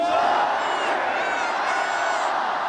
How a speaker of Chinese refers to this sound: 10月8号是郑钦文的生日，在23岁的最后一天，郑钦文收获了来自全场观众的祝福。